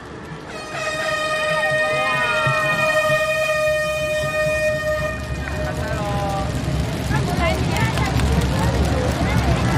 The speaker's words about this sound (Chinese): 现在举行鸣笛仪式，请各位嘉宾鸣笛开赛。